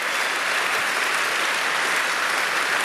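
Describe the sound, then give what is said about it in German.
Steady, dense applause from a sizable audience, many hands clapping at once in a continuous wash of sound that stays loud and even throughout, with no voices standing out. “Also, der Applaus muss jetzt nach oben gehen,”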